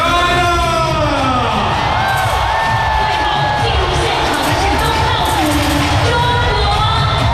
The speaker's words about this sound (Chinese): 第48届世界技能大赛昨晚正式开幕，在全场观众热烈的掌声当中，68个国家和地区的代表团相继入场，东道主中国代表团最后入场，全场一片欢腾。